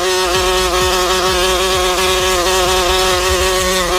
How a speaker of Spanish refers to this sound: Ah, bueno. Hay una mosca aquí en la cabina.